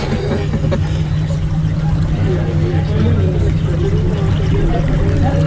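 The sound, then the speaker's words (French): A boat motor drones steadily over continuous rushing, splashing water as the boat tries to overtake another boat ahead, loud throughout, with faint voices murmuring in the background. “Bon, on essaie de doubler le bateau devant.”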